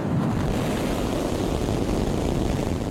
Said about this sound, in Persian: این راکت از جنوب تگزاس پرتاب شد و پس از جدایی از سکوی پرتاب مسیر آزمایشی خود را طی کرد.